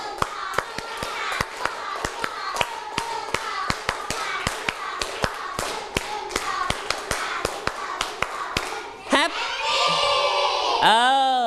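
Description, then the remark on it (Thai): A group of children claps three sets of fast, sharp, rhythmic hand claps on a leader's count, followed by excited shouting and cheering at the end. “เบามากเลยเบามากเลยขออีก3ชุดและ Happy ดังๆอามาย Happy ดังๆเลยนะลั่นๆตะโกนลั่นๆเลยเด็กปลายทางด้วยให้ดังๆปรบมือ3ชุด”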